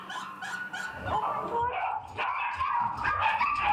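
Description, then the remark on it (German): A dog barks and yips frantically in rapid, overlapping bursts, loud, with high-pitched whimpering mixed in throughout. “Hysterisch. Und das ist auf jeden Fall schon eine Verhaltensstörung, was der Hund macht.”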